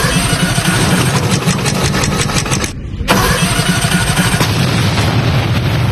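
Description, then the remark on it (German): A racing lawnmower engine is started up for a lawnmower race; it roars loud with a rapid, rattling beat, cuts out for a split second, then catches again and keeps revving steadily. No voices. “Ich schmeiß das Ding an.”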